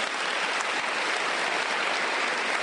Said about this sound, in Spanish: Dile un aplauso a Dios por eso.